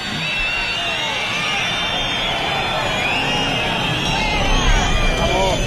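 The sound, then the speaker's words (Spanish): A large crowd of about 12,000 at a Guardia Civil ceremony whistles and boos Interior Minister Grande Marlaska without pause, shrill overlapping whistles riding over a thick, steady roar of jeering voices for the whole stretch. “Solo 5 días después de la muerte de Germán y Jerónimo persiguiendo a una narcolancha en Huelva, Grande Marlaska recibía pitidos y abucheos en este acto de la Benemérita.”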